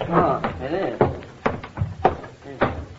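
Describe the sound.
A front door bangs in the wind repeatedly at irregular intervals, four or so sharp knocks, with faint voices underneath.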